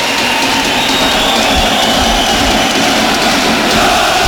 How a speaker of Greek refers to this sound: Και το χειροκρότημα που ακούτε είναι για τον Ρόμαν Γιάρεμτσουκ που παίρνει τελευταίες οδηγίες από τον Χωσέ Λουίς Μεντιλίμπαρ.